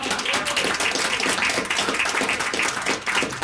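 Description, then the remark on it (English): An audience applauds steadily for a few seconds as a round of applause for Bob Moffat, many hands clapping at once in a dense, crackling wash that stays loud and even throughout, with no voices on top. “Yeah, round of applause for Bob.”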